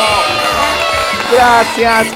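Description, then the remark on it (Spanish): A loud crowd cheers and whoops during a live broadcast on La Perla 99.1 FM, with many voices shouting over a dense wash of clapping that holds steady for a couple of seconds, energetic; the applause is dedicated to the people of Bermejillo. “Niños y niñas, este fuerte aplauso se va para la gente bonita de Bermejillo.”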